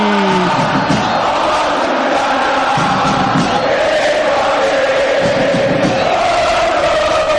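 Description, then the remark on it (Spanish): A large stadium crowd of San Lorenzo football supporters chants in unison during a match against Deportivo Riestra, a loud, sustained roar of massed voices with a steady rhythmic swell and no break across the whole stretch. “El balón afuera del terreno, metan, metan, grita Insúa, y escuchalo a San Lorenzo, escucha el ciclón por Continental.”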